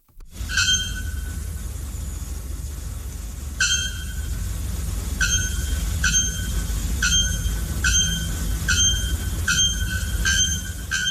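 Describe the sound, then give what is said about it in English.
A bare-throated bellbird, one of the world's loudest birds, gives a series of about ten loud, ringing metallic notes, like a hammer striking an anvil, spaced at an irregular but quickening rhythm over a steady low rumble. “Now, brace yourselves for the haunting shriek of the bare-throated bellbird.”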